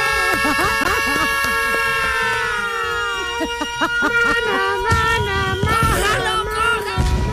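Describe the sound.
A siren sound effect played on a radio show to announce a giveaway of a 2014 World Cup doll to listeners wails continuously with a loud, wavering electronic tone that bends in pitch, while voices and bursts of noise come in over it during the second half.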